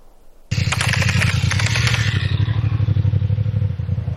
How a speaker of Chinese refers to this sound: 晚上10点，在湘江北路夜查刚刚开始，一辆摩托车在远处靠边停下，这个动作引起了民警的注意。